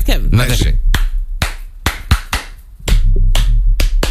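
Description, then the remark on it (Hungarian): Sharp hand claps by old men, roughly a dozen and a half of them in uneven bursts of two and three, loud and crisp, with a brief vocal sound near the start. “tessék, hogy öregi férfiak tapsolnak nekem. Tapsold vissza.”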